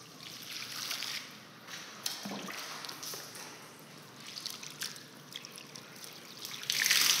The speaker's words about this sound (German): Auf deinem Bauch liegt bitte, Kopf hier. So, jetzt wird er erst mit dem Wasser gegossen.